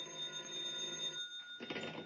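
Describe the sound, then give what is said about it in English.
A telephone bell rings in a continuous metallic trill, fairly loud, with no voices. It breaks off briefly and then starts up again near the end. “And then a bell started ringing somewhere and woke me out of a sound sleep.”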